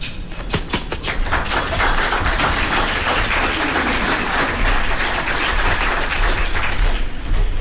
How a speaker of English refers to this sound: All right, I appreciate it. That was a pretty good round of applause.